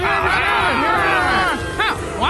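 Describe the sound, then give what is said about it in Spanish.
A dense crowd of many voices shouts and yells together, loud and continuous, with rising and falling cries overlapping into an angry, agitated roar, as the crowd shouts ever louder for Jesus to be crucified. “Pero la multitud siguió gritando cada vez más fuerte: ¡crucifícalo!”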